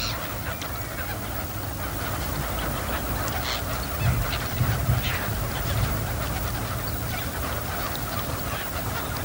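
A large flock of wild ducks, short-billed dabbling ducks that migrated from Siberia to winter at Bueng Boraphet wetland, chattering and calling together, a dense continuous wash of overlapping quacks and honks with no voices, steady and fairly loud throughout.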